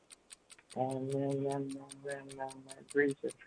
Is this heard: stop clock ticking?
yes